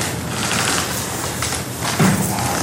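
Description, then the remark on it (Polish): An old wooden floor creaks underfoot in a really old building, the Polish embassy in the Czech Republic, on the way to the ballroom, with a short, low, groaning creak rising out of a steady, noisy background toward the end. Nobody speaks. “O tym, że jesteśmy w naprawdę starym budynku, świadczy także skrzypiąca podłoga.”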